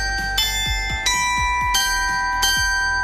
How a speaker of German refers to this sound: Bei der Entstehung einer Glocke nach einer Tradition, die es seit dem 17. Jahrhundert gibt, in der Glockengießerei in Gescher. Und hier läuten schon vor der Tür die Glocken.